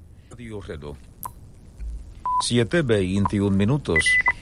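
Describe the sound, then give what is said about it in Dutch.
Short electronic time-signal beeps from Radio Reloj, an all-news station in Havana, each beep marking a news item, sound at scattered moments, brief steady single-pitched tones, with a voice talking around and between them and a couple of quick higher pips near the end. “En elk piepje is een nieuwsdingetje.”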